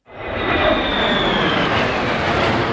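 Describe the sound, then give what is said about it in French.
A loud, steady jet roar fills the air as F-16 and F-35 military fighter planes pass overhead during a military parade, above a crowd on a beach in Warsaw, Poland. It is a broad rushing noise with a faint high whine on top, sustained without a break. “oscille entre peur et fascination en voyant passer les F-16 et F-35 au-dessus de sa tête et celle de ses enfants.”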